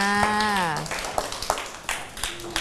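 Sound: children clapping hands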